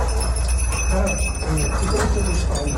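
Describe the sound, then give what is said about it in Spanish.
Small bells on rescue dogs searching rubble for survivors in La Guaira, Venezuela, tinkle steadily amid a dense, rumbling wash of outdoor noise, with indistinct voices murmuring underneath throughout. “Son las campanillas de los perros que rastrean entre escombros para hallar supervivientes.”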